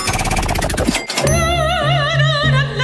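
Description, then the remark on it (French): A game show prize wheel, spun by the host and stopped when the contestant says stop, clatters with rapid ticking clicks, lands with a solid thunk as it stops, then a bright sustained musical jingle rings out. No one speaks. “Pour le savoir, je lance la roue et je l'ai fait. Ça y est, à vous de la stopper en disant stop.”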